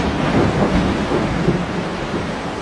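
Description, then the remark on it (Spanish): A strong thunderstorm at night rumbles with low, rolling thunder over a steady wash of heavy rain, loud and continuous throughout with no pauses or voices. “Durante una noche hubo una fuerte tormenta.”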